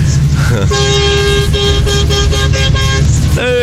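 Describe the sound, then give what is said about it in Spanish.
A truck horn, sounded by a truck driver, honks loudly in a quick series of about five blasts, followed by a brief rising toot, with a low engine rumble underneath throughout. “¿Querés que te toque la bocina, Lessi? Toco.”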